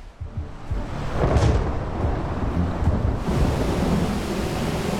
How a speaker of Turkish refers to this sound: Fırtına ve gök gürültüsüne bakacak olursak sağanak yağış bizi bekliyor.